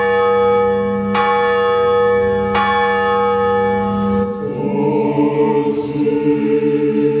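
A large cast church bell rings with deep, sustained tones, struck a few times at a slow pace, its long humming overtones blending and swelling. Loud, with no talking.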